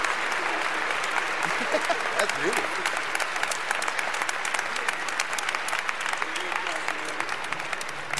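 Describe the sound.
Steady, dense applause from an audience after a performance, a continuous crackle of many hands clapping at an even level for several seconds, with a brief spoken remark heard over it.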